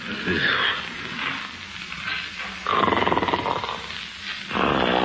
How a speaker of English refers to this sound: Oh, isn't that awful? Snoring already. Listen to that.